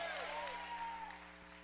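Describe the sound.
A church audience claps steadily, a dense wash of applause for the Lord with a voice or two rising over it and a low electrical hum beneath, fading slightly toward the end.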